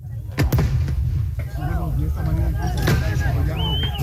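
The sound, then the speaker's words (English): A few sharp, loud bangs go off amid a noisy outdoor crowd, with shouting voices and a constant low rumble, as police fire tear gas at protesters during civil unrest in Bolivia and some protesters respond by lighting firecrackers. “Police fired tear gas at protesters. Some responded by lighting firecrackers, the latest confrontation in 4 weeks of social and political”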